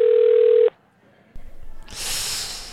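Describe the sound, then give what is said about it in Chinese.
A single steady ringback tone buzzes over a phone line for under a second and then cuts off, leaving a pause, some faint rustling and a rising hiss, with no one picking up before the call goes to voicemail. “唉，怎么还不接啊？”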